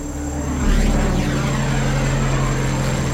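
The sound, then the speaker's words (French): A military search airplane flies overhead above a dense forest canopy, looking for a crashed Cessna five days after the crash. Its engine is a steady, loud rumble with strong low tones and a sweeping pitch shift as it passes, with no voices present. “5 jours après le crash, les avions militaires n'ont toujours rien trouvé.”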